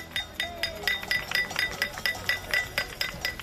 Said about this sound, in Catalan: Avui, nova nit d'acampades a diverses ciutats, entre elles Palma. També s'hi han sumat les cassolades arreu de l'Estat, a Ciutat, en forma de repicada de claus.